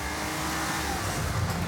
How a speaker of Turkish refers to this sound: Çok hızlı değil mi? Evet. Bunu biz yaptık. Sıfırdan yüze çok çabuk çıkıyor. İşte 520 beygirlik bir Porsche.